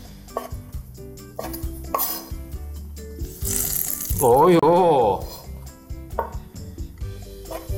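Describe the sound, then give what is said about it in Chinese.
A knife chops button dried shiitake mushrooms on a board, with several crisp cuts at an uneven pace. A person lets out a brief exclamation partway through. “啊，这帮你帮我剥小，然后我来切这个纽扣干香菇。”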